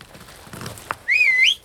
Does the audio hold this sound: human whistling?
yes